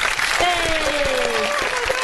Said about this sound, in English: Wait, woo! I've got applause. Hang on.